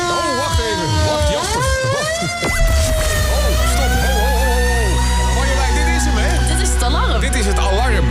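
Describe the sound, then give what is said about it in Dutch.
A loud wailing alarm siren, used as the game alarm for the game De Kilometerweter, sweeps up and down in pitch over layered tones, joined after a couple of seconds by a steady low rumbling drone that continues beneath the rising and falling wail. “De alarm kan wel loeien, maar wij moeten eerst onze administratie er even bij pakken.”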